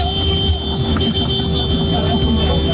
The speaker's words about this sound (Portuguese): Olha a galera buzinando. Galera chegando aqui na Band FM pra todo o Brasil.